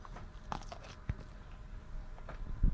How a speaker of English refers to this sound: Going to gollop this down. See if you can hear the crunch. Hang on.